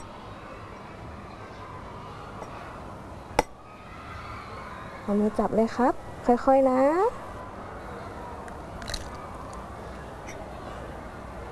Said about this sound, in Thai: หยิบไข่ไก่ขึ้นมา1ฟองครับเดี๋ยวคุณครูช่วยนะครับค่อยๆเคาะลงไปตรงนี